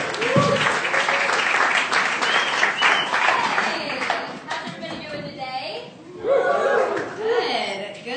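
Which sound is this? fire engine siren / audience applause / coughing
audience applause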